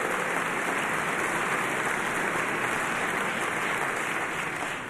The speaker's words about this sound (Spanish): Please give a warm round of applause to ….